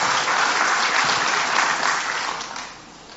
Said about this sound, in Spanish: Dale a Dios un aplauso de nuevo si entendés esta verdad.